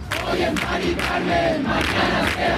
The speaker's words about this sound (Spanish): Es el grito en la Plaza de la Encarnación de Sevilla, el grito de los acampados en demanda de vivienda digna y asequible tras conocer la muerte de Mari Carmen en Madrid.